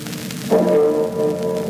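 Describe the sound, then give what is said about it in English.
A single discordant bong from a small Liberty Bell replica rings out once on D-Day, clear, its slightly clashing tones sustaining and slowly fading over a faint background hiss. “The discordant bong of our little Liberty Bell on D-Day.”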